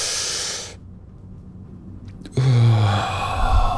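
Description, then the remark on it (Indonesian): A person takes a deep breath during a breathing exercise: a long, breathy hiss of air drawn in, then a pause and a louder, rougher rush of breath with a low hum underneath, no talking. “Coba caranya itu tarik nafas.”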